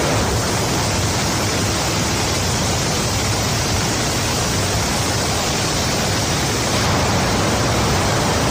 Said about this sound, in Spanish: hay algo que quien ha estado ahí no olvida nunca, es su famosa cascada, que brota desde una cueva en la roca, especialmente durante el reventón, que llaman, cuando el agua surge con una fuerza descomunal, tras lluvias abundantes como la de este año.